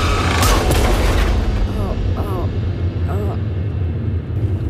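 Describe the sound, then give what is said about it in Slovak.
A car, its driver swerving aside at the last moment, crashes with a loud impact near the start on the SMP bridge, followed by clattering, ringing metallic debris over a steady low rumble. “Ale na poslednú chvíľu strane volant na bok. A narazí do zvonidiel.”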